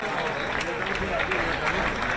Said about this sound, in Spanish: Dicen los que controlan el aplausómetro de Génova que esta mañana ha habido menos aplausos y menos vítores que en elecciones anteriores. ¿Será el cansancio? ¿Será la resaca? ¿O será que no se han cumplido las expectativas?